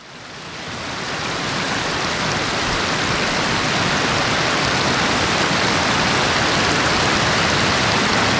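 Rushing water pours down steadily in a dense, unbroken roar: the Iliochori waterfalls, among fir and beech trees, crashing into deep natural pools. It swells in over the first second, then holds loud and constant with no voices.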